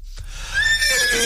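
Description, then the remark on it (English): A horse neighs once, loud, a shrill wavering whinny lasting about a second that drops slightly in pitch toward the end, with no voices. “The horse is okay.”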